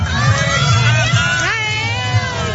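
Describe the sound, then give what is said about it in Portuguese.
A crowd cheers at the totality of a solar eclipse as the moon fully covers the sun, steadily, with overlapping high-pitched cries and whoops over a low rumble of voices. One excited shout swoops upward midway, and the loudness holds even throughout. “Como se fosse uma passagem de ano, porque realmente o sol está a desaparecer, a lua está a cobrir por completo e, aliás, a reação é esta.”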